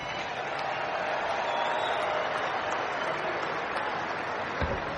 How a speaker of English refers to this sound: They're both here today. Give them both a round of applause.